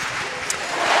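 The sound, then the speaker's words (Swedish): A large stadium crowd at Alexander Stadium in Birmingham cheers in a dense, steady roar that swells slightly louder toward the end, with no single voice standing out, as Jaroslava Magusi clears 1.97 m at the first attempt in the high jump. “Och jubel på Alexander Stadium när Jaroslava Magusi klarar 1,97 direkt i höjdhoppet.”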